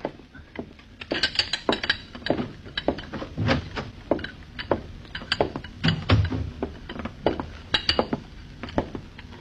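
Teacups and dishes on a tray clink and rattle together in a steady, irregular series of bright, sharp taps, with no one speaking.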